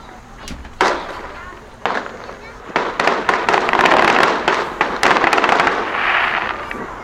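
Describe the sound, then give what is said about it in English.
A 4th of July fireworks display with rapid, overlapping crackling bursts and sharp pops, building into a dense, continuous, loud barrage. “And then, of course, the thing we love to wrap up our 4th of July, the fireworks displays.”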